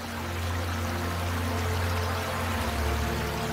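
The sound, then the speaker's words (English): Water of the Panguchun stream rushes steadily and continuously, a full wash of sound with no pauses or voices. “Only the sound of water carves a path, and the wind flows, etching its own unique time.”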